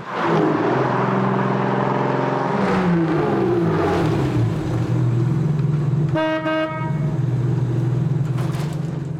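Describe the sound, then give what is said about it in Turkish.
A classic Jaguar Mark II car engine runs with a steady, low rumble that shifts pitch slightly partway through, and a short, bright horn toot cuts in near the end. “Gördüğünüz gibi tam bir kaçış arabası, tam bir centilmen motoru var ve harika görünüyor.”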